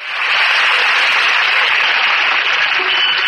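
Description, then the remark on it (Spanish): Loud, sustained applause from a large crowd, a dense continuous wash of clapping that starts abruptly and holds steady throughout, with no voices standing out. “Emocionante. ¡Qué aplauso!”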